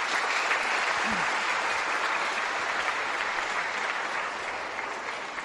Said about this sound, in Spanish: Agradecemos a los hermanos del caserío de San Pablo Chinajá por haber organizado los cantos y las lecturas de la Santa Misa. Démosle un aplauso a los hermanos.